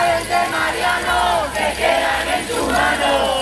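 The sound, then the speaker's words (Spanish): A crowd of neighbours and a tenants' union chants and shouts together to stop the eviction of a 67-year-old man. Loud, rhythmic bursts of many voices rise and fall in unison without a break. “A pesar del stop desahucio de los vecinos y el sindicato de inquilinas...”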